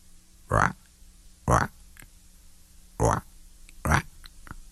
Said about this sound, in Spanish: Por ahí se escucha una rana madrugadora. Escuchen.